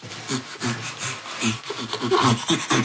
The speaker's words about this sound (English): And bonobos or chimpanzees next to that produce laugh sounds that are more complex in their temporal patterns that can be quickly produced. Often, particularly chimpanzees are producing panting laughter.